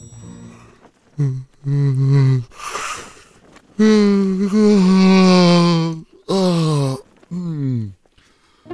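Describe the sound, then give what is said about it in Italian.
Several loud, drawn-out vocal yawns follow one another, breathy intakes giving way to long groaning tones that slide in pitch, the longest stretching over two seconds, clear with no talking. “Resetta il nostro cervello e... lo prepara ad essere influenzato. Lo sbadiglio.”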